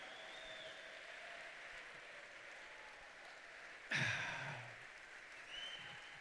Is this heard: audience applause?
yes